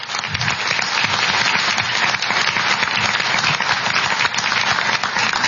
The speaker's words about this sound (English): I think they've both done a great job. We can give them a round of applause now, even though it's breaking the rules.